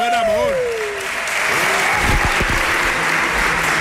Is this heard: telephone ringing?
no